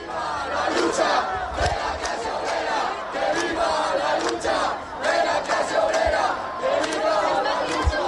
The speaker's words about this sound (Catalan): els crits des de l'acampada són aquests